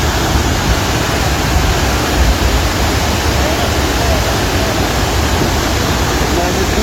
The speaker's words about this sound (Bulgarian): Около 22 часа над Струмяни започва буря. Минути по-късно от планината идва огромна приливна вълна, а река Шашка излиза от коритото си. Наводнява къщи и отнася всичко по пътя си.